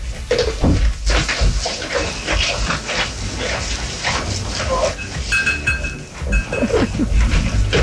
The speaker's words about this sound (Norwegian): Og det er da Lars sine geiter som går og drøvtygger, koser seg og nyter dagen.